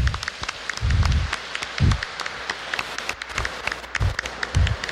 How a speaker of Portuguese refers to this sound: Uma salva de palmas para a criançada.